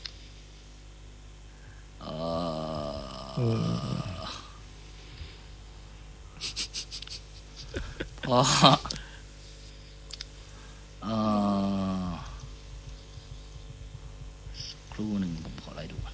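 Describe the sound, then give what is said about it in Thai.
A computer mouse gets handled and swapped for another, with a rustling thump of movement and a few light clicks scattered between short bursts of low murmured voice. “ใช้ ยากเลยทีนี้ เปลี่ยนนะครับเมาส์เนี่ยเปลี่ยน แป๊บนึงนะ”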